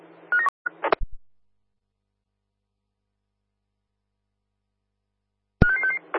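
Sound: telephone dialing tones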